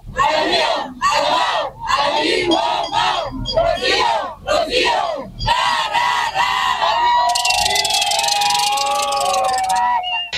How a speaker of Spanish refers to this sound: Así fue recibida la presidenta Claudia Sheinbaum Pardo en Veracruz, donde celebró su segundo informe de gobierno. El nombre de la gobernadora Rocío Nale García también se hizo escuchar entre la porra.